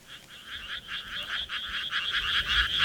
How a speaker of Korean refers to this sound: 건물들 뒤로 펼쳐진 논에서 개구리가 울어댔다.